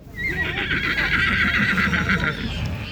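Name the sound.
horse neighing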